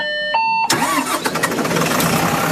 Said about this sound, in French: elle tente de faire un créneau, Patricia Farah, avec ce bus